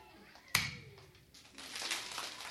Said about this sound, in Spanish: El aplauso consiste en un golpe de una palma contra la otra palma, pero de la misma persona. Primero lo haré yo y luego ustedes lo repetirán.